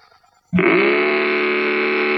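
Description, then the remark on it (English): After a half-second of near silence, a Mattel Varum hot rudder toy engine on a tricycle, started with its own key, roars in: a loud, buzzy, rasping drone whose low pitch swoops up briefly, then holds steady and sustained to the end. “Well, you can make it roar with Mattel's terrific new Varum hot rudder engine.”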